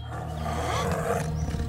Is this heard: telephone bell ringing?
no